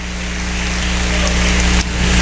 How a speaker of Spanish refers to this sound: Démosle un aplauso grande al Señor.